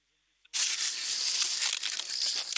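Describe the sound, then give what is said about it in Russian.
A knife slices into one of the season's first watermelons, right in the melon field of a farm in the village of Vostok, with a loud, crackling crunch that starts abruptly after a moment of silence and continues steadily, bright and crisp, for about two seconds. “И вот послушайте, да, может быть, вы там в Москве услышите, как он хрустит.”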